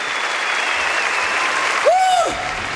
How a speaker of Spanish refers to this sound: fuerte aplauso. Hermanito, genio.